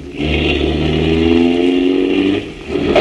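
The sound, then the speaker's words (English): A car engine roars loudly and steadily as the car heads at full speed for a door. Its revving pitch climbs as the vehicle accelerates hard, then briefly dips before surging again at the end. “Get in that squad car.”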